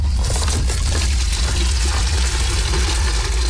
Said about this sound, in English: Volunteers fill buckets with water in a desperate attempt to put out the fire.